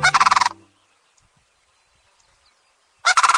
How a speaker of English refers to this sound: It's late winter, and cranes are calling loudly to one another. 15 species of cranes are spread across the world, everywhere but Antarctica and South America.